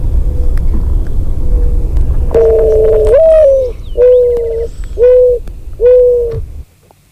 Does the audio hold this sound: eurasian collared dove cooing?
yes